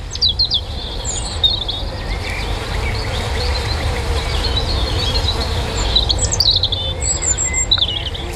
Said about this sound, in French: Le poids plume du rouge-gorge au-dessus de moi, son sens de la mélodie et ses gènes de dinosaure me laissent bouche bée. Comment un être de 12 cm et de 21 grammes à tout casser peut-il produire un chant aussi puissant ?